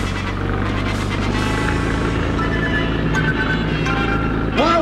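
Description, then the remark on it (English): A car engine roars steadily, a loud, dense rumble that holds strong throughout as the vehicle speeds up along a clear road with no other cars in sight, with faint harmonic whines rising near the end. “The road's clear. I think I'll step on it.”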